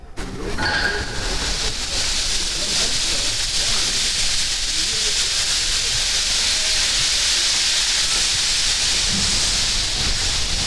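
A steady, loud hiss of steam escaping from below a machine fills the whole stretch, broad and constant, with a low rumble of machinery underneath and no voices.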